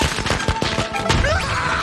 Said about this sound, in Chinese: 我最怕的东西， 正是鞭炮，走你！